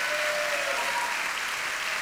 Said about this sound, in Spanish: Vamos, dele palmas a Él.